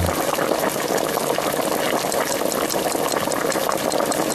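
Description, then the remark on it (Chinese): Water pours steadily into a stew pot holding onion, carrot, celery, tomato sauce and fried oxtail bones in a little oil, in one continuous rushing stream, a dense bubbling splash with no pauses and no voices. “然后这个要放水吗？ 就要放水。”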